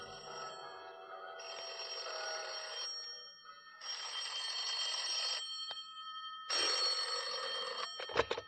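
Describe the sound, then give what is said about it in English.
Bells ring insistently in a Buddhist temple built on top of the Mark Hopkins, in three long, jangling bursts separated by short pauses, loud, with no voices. A sharp click or clunk cuts the last burst off. “That was when the bells started ringing in the Buddhist temple that had been built on top of the Mark Hopkins.”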